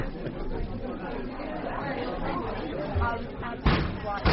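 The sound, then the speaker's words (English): Someone whacks a coffee machine, giving a couple of blunt, loud bangs late on, heard over a steady murmur of indistinct background chatter. “That's him over there hitting the coffee machine.”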